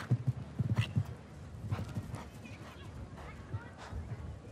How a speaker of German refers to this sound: Sicherlich auch sehr klug bedacht, weil das Pferd in dieser sehr engagierten, hohen Frequenz galoppiert